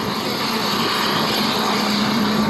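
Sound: aircraft engine noise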